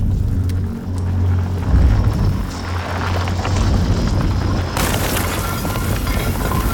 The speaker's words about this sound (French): Dans une galerie, juste au-dessus du refuge, une petite explosion suivie d'une chute de pierre. Les hommes les plus vaillants se précipitent. Un outil de forage émerge du plafond et s'immobilise.